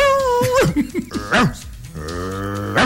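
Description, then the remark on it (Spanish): A dog barks angrily, a quick run of sharp, snarling barks followed by a drawn-out growling whine and one final bark. “Y ladraban los perros.”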